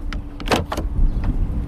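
A self-driving Waymo robotaxi parked on a street, its automatic pop-out door handles and latch working: a quick series of sharp mechanical clicks and a fuller thunk, over a steady low rumble, with no one speaking.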